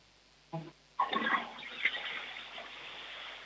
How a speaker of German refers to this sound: Das war eine tolle Klospülung.